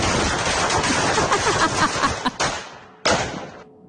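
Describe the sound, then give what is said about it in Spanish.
A rapid string of real firecrackers pops and crackles continuously for a couple of seconds, then a few louder separate bangs ring out before it ends. Loud, with no talking. “Esos son cohetes de verdad, es un GIF de unos de una ametralladora.”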